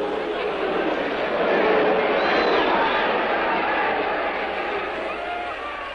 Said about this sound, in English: And with a crowd's derision echoing in his ears, Charlie Porter took his final count.